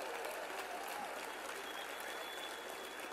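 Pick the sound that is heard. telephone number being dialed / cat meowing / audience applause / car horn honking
audience applause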